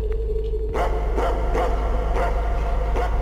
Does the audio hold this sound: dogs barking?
yes